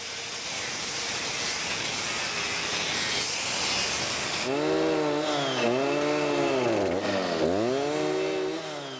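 A chainsaw cuts through a thick oak trunk, first a loud steady rasping roar, then the engine's whine drops and surges repeatedly as the blade bites under load. Continuous, no voices.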